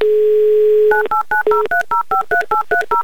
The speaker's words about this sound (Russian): Звоним Кристине в Нижний Новгород, дожидаемся гудков.